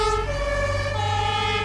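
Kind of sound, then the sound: vehicle, fire engine siren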